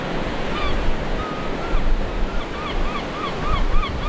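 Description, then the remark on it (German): A steady, rushing roar of surf washing onto the 12-kilometre sandy beach of St. Peter-Ording, a North Sea village, broad and continuous, with scattered high chirping bird calls over it and no voices. “Der 12 Kilometer lange Sandstrand von St. Peter-Ording ist das Hauptziel für die hunderttausenden Touristen, die jedes Jahr in das Nordseedorf kommen.”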